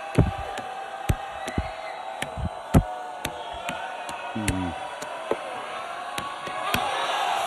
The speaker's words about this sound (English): Oh, my gosh. How about the crowd just waiting to erupt?